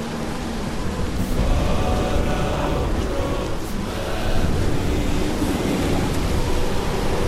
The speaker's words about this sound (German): Ah, aber hör mal genau hin. Da ist etwas im Wind wie Lieder. Was redest du da? Was für Lieder? Das ist nur der Sturm.